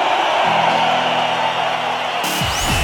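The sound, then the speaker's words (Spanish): A crowd applauds Mexican rock and roll musicians from the bands present, in a dense, steady wash of clapping with some cheering mixed in. It is loud and continuous throughout, while a low sustained hum runs underneath for most of it. “A propósito de México, quiero pedir un aplauso para todos nuestros compañeros, los rock and rolleros mexicanos, de todos los grupos que se encuentran aquí ahorita con nosotros.”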